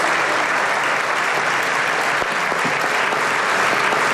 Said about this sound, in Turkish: Yeni Parti ve CHP milletvekilleri o sırada ayağa kalkmadı. AK Parti, MHP ve DEM Parti grupları Erdoğan'ı uzun süre ayakta alkışladı.